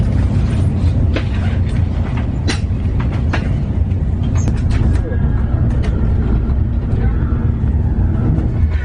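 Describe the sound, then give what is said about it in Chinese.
Steady, loud low rumble of a moving, nearly empty passenger train bound for Milan, heard from inside the carriage, with scattered clicks and rattles of the wheels over the track and faint, indistinct voices beneath. “今天的火车特别空，全部都是空的，而且特别大位置，很难得。”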